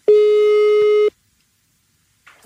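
A telephone line tone sounds once as a radio station places an outgoing call, a steady electronic beep lasting about a second, loud and clear, followed by silence and then a faint voice starting at the very end.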